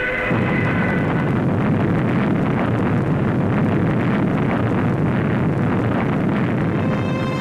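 A heavy, continuous roar of explosive rumbling as a Dongfeng-2 surface-to-surface missile, on its first flight test on 21 March 1962, falls from over 3,400 metres after launch and explodes on the ground; loud and dense with deep low-end power and crackling, no pause or voices.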